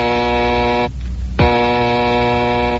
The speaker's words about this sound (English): One night in the Wayne Mansion, Bruce and his young ward, Dick Grayson, have just finished dinner when suddenly the bat phone rings.